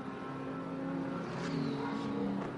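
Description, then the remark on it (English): Tom Dillman's race car accelerates out of the pit lane, its engine revving steadily, a dense, buzzing mechanical drone with rising harmonic tones, moderately loud and continuous with no voices. “Now, where is George Kurtz and Alex Quinn going to blend out as Tom Dillman gets ready to fire off the pit limiter?”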